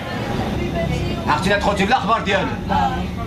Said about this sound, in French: Dans ce bus, quelques habitants parlent en arabe à une enfant de 14 ans, arrivée seule.